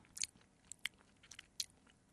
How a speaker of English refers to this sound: And it's definitely the sort of crispy, crunchy type of a cookie rather than a soft and gooey one.